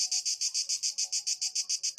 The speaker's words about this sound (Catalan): Hem de dir que jo duc dies mirant, bé, escoltant cigales, tots, perquè amb aquesta calorada sí. Canten a ple pulmó o a plena membrana.